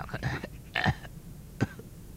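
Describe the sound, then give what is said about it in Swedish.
A hoarse, croaking cough from a sick father in his bedroom sounds out in a few rough bursts, with short pauses between them and no talking. “Då hörs ett krax från pappas rum.”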